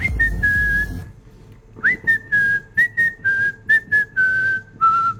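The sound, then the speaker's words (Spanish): A clear whistled melody from a song: one long sliding note, a short pause, then about eight crisp notes in a steady rhythm, gently falling in pitch, with no talking. “Mucha, cómo me gusta esa canción, de verdad que cómo me gusta ese silbidito de...”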